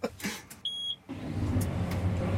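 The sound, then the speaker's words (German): A short electronic beep sounds, then a farmer's tractor engine cranks and catches, settling into a steady low diesel rumble, with no talking. The tractor is about to plough newly acquired fields. “Macht den Traktor an, was steht jetzt an?”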